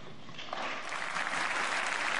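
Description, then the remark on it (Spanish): Crowd applause as thousands of people welcome Pope Leo XIV at the start of his visit to Spain, a steady dense wash of many hands clapping at even loudness throughout, with no voices standing out. “Entre aplausos, banderas y muestras de emoción, miles de personas dieron la bienvenida al Papa León XIV en el inicio de una visita que ya está generando gran expectativa en todo el país.”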